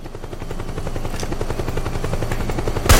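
Steady rhythmic thudding of helicopter rotors fills the scene, with rapid bursts of gunfire over it and a sharp, loud blast right at the end. Game-style combat audio, no talking.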